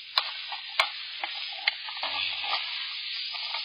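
A spoon stirring a kettle, with a steady scraping swish and a few sharp clinks against the metal sides early on, fairly quiet, no voices.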